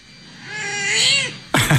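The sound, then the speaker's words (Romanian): A single drawn-out cat meow rises and falls over about a second and a half, fairly loud, followed by a sharp burst of noise at the end. No one speaks. “Ziua mondială a pisici, ca să fie foarte clar.”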